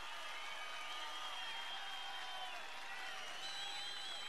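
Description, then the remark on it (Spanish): Sustained crowd applause for Guaso Filomeno, a dense, steady wash of clapping lasting several seconds, with some high whistles and cheers threaded through it and no speech. “El aplauso fuerte para el Guaso Filomeno.”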